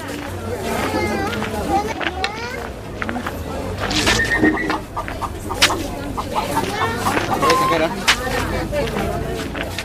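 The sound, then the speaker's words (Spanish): A busy market crowd of many overlapping voices chatters and calls out steadily, with occasional louder shouts rising above the babble and a few sharp clatters and bird-like clucks mixed in throughout. “Los codazos y el griterío le crean una angustia poco habitual, acostumbrada como estaba a transitar por el mercado.”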